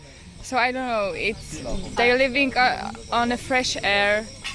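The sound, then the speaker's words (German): A steady chorus of evening cicadas, heard from the balcony of a lodge, buzzes in the background while a person talks over it, the insect drone staying constant beneath the voice. “Ich lausche auf dem Balkon meiner Lodge den Zikaden und lasse den Tag gemütlich ausklingen.”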